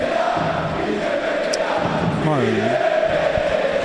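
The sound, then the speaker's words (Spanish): A large Valencia stadium crowd roars and chants "Peter, vete ya" in unison against club owner Peter Lim, a thick, steady wall of voices that swells and dips, with a few louder sliding shouts rising above the mass midway through. “Todo el estadio cantando Peter, vete ya.”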